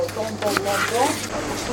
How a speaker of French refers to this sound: Là, c'est le bruit du film plastique. Ça, c'est notre film préféré. C'est pas mon préféré. On déteste le film plastique.